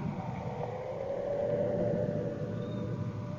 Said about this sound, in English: There goes another bus.